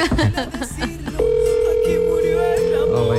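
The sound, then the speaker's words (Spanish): A phone call's ringback tone: after a brief stretch of voices, a steady mid-pitched electronic tone starts and holds for about two seconds, loud and continuous to the end. “Pues ya después del quinto pitido,”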